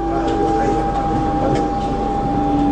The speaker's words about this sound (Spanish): Un subte que viene y un subte que va en el recuerdo.